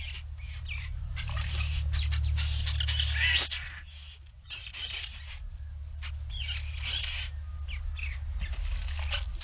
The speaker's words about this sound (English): Now, I did want to hear, and I wanted to let you hear the babble of the white-browed babbler.